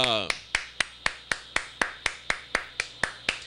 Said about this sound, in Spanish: Aplaudimos, mi gente.